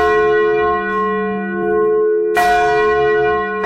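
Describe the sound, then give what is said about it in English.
A new bronze church bell, shipped from a New England church, rings loudly in the bell tower atop Lamont's Hall at St. Mary's College on a Saturday night. Its deep resonant tone sustains between strikes, with a second clang about halfway through that blooms and slowly decays. No voices. “Mary's when they unveiled a new bronze church bell secretly installed last week after it was shipped from a New England church.”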